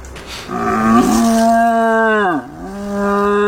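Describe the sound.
Croatia's champion deer caller imitates a young red deer stag's roar by blowing into his own horn: one loud, drawn-out, buzzy bellow that dips lower near the end, then holds steady again, with no talking.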